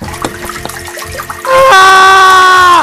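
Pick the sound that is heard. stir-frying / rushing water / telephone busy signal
rushing water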